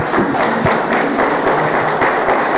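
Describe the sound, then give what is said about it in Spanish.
A crowd bursts into steady, loud applause for the Lord, many hands clapping at once in a dense, continuous wash with occasional sharper claps standing out, no voices on top. “Ven, aplauso por favor al Señor.”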